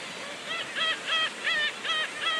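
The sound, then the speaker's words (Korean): Black-tailed gulls at a breeding colony at Yongteurim Rock on Baengnyeong Island give a rapid series of about seven nasal, honking calls in a steady rhythm over a constant hiss of wind and colony noise. “백령도의 갱이갈매기 번식지가 이렇게 큰 지역이 이렇게 몇 군데 있는데 그중에 네.”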